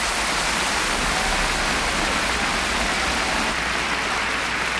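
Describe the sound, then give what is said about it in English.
Steady, dense applause from a large audience at the National Concert Hall after a performance by the RTE Concert Orchestra, a continuous wash of many hands clapping at an even level throughout, with no voices or pauses. “Mia Cooper getting the applause of the audience there, leading the RTE Concert Orchestra”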